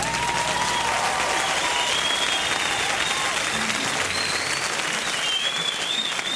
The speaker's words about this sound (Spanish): El aplauso para el Rey de Reyes.